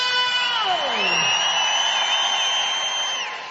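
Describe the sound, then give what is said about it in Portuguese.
A large concert audience shouts and cheers loudly and continuously in answer to a performer's call from the stage, many voices overlapping into a sustained roar with rising and falling yells that carry on for the whole stretch. “Quero ver o grito.”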